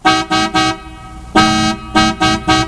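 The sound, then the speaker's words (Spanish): A stuck car horn honks loudly in a series of short blasts, three quick ones, a pause, then four more in a stuttering rhythm, with no voices. “Lo único que sé es tocar la bocina. Escuchá. Se quedó trabada.”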